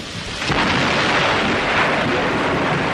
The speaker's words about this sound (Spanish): Afuera se escuchó el sonido de un rayo y comenzó a llover.